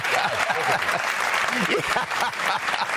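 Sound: studio audience applause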